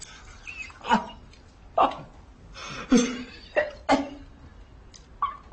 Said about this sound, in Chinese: 爹，怎么了你？慢点啊你！ 爹这咳嗽呢，你别跟爹说话。